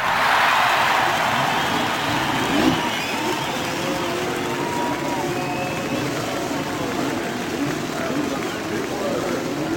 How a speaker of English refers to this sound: The pace cars are ready. The engines are fired.